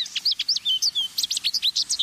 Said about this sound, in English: American goldfinches are one of our most familiar birds, a sunshine sparkle of yellow at the seed feeder. But these little beauties lead lives that are anything but ordinary.